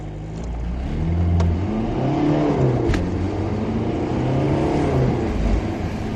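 A car engine revs up and pulls away, its steady mid-pitched drone rising and falling in pitch as it accelerates. It's fairly loud, with no voices.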